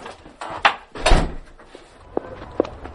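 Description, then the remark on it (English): A front door swings open and bangs shut as a mother and her kids head out, with a heavy thud near the middle followed by a couple of sharp latch clicks and light rattling. “All right, guys, start heading out the door.”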